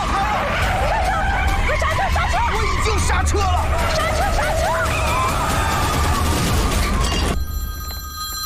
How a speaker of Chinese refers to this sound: 刹车了！ 刹车！刹车！